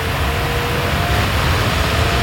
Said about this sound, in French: Ça, c'est la clim, ça y est, on a branché la clim. Ah oui, le bruit de la clim que vous entendez derrière, c'est pour illustrer le thème de la pétition baptisée « Coupons la clim » à Yann Barthès.